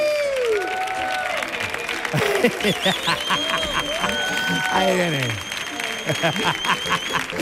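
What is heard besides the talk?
audience applause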